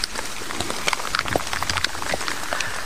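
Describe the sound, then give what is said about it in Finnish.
Light drizzling rain patters steadily outdoors during a relay race in the forest, after several hours of heavier rain, a dense hiss of fine drops with scattered sharper ticks as individual drops strike a surface. No voices are heard. “Vähän vielä vettä vihmoa täällä Venlojen viestissä.”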